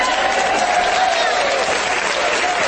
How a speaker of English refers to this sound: You people call that applause?